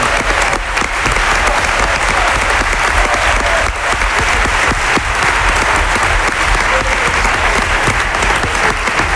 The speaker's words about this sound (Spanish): Y el Libre, mientras hay aplausos, está encantado con los aplausos. Es la persona que más aplaude, Villalibre, con diferencia.